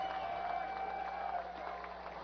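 A large baseball crowd at a St. Paul Saints game rises to its feet and cheers in a steady, dense roar as the Saints are down to their final strike with a runner on first. The roar holds loud throughout, with a faint sustained tone riding above it and the noise easing slightly near the end.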